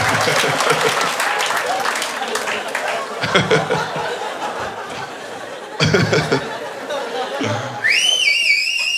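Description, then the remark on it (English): Steady crowd applause fills the whole stretch, with bursts of cheering, then a loud, warbling whistle rises and dips repeatedly over the clapping near the end. “I definitely, you can make them do all sorts of flippies with a whistle like that.”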